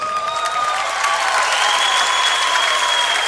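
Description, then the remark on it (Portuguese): Steady audience applause for the cellist during a concert fills the space, dense clapping from many hands at a constant loud level, with faint tonal lines from lingering instrument or hall resonance underneath. “Vou pedir uma salva de palmas para essa pessoa maravilhosa, que aliás, lindíssima.”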